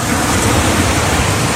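A steady, loud wash of ocean surf at Playa Bajo Alto in Barbones parish, Ecuador, fills the short moment, a continuous hiss and rumble of waves breaking on the beach with no voices over it.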